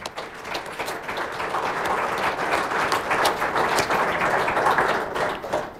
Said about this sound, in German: Ja, herzlichen Applaus schon mal für Alexander Kühne.